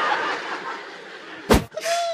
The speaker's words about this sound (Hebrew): היה אפצ'י, רבותיי, אני שמעתי אפצ'י. אני שמעתי אפצ'י, לא יודע איפה זה בא, אבל